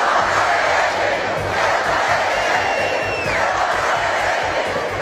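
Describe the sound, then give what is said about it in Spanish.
A large, dense crowd of thousands of protesters roars and shouts together in a street at Plaza de Cibeles in Madrid, Spain, chanting "Ceuta no se vende, Ceuta se defiende", a loud continuous wall of voices with a brief whistle cutting through midway. “Miles de madrileños salieron a la calle al grito de Ceuta no se vende, Ceuta se defiende.”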